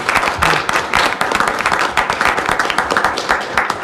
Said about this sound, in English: Advisory Council, and I am excited to help congratulate all the seniors that participated this year. So could you guys stand up, and we help give them a round of applause.